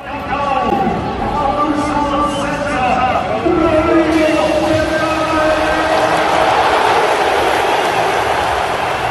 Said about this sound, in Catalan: No, no, ha estat una ovació de gala, l'ovació de la tarda.